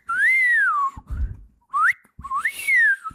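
Someone whistles, clear and fairly loud: a long falling note, then a quick upward slide and a final rising, wavering phrase, with brief pauses between and a soft low thump in one gap.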